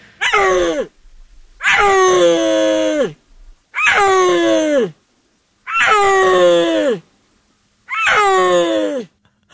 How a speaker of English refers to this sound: beautiful big cats that live in the Central Asian mountains. Let's listen to a little bit of the sound. What do they sound like? Well, we have some tape that was captured on camera in northwest China in a Chinese national park sometime around 2020.